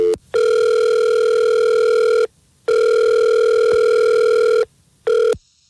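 A telephone ringback tone on an outgoing call to Adam's phone: two long steady electronic rings of about two seconds each, separated by a pause, then a brief third ring cut short. Clear, with no voices.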